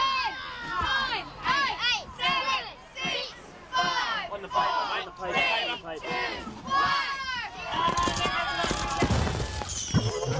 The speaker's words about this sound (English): We're at Cracker Night. A time when friends and families came together to light bonfires and set off fireworks. And who set them off? The kids, of course.